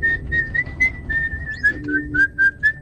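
Someone whistles a slow, steady melody from a film soundtrack, the clear tone gliding gently between notes for a few seconds over a low rumble of background noise, with no one talking.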